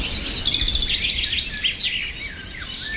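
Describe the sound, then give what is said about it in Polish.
Several birds sing at once in a steady chorus of bright chirps and warbling trills, continuous, over a soft outdoor background hiss with no voices. “A żeby się dobrze czuć, to trzeba posłuchać sobie śpiewu ptaszków na przykład.”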